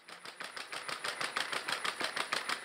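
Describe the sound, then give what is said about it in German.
Footsteps of Scotty, a robot dog tested at the Pflegeheim am Lutzepark nursing home in Köthen, Saxony-Anhalt, on a walk through the garden grounds: fast, even mechanical ticking with a faint motor whir, steady like a sewing machine, growing slightly louder over a few seconds, with no voices. “Was klingt wie eine Nähmaschine, ist das Tippeln von Scotty.”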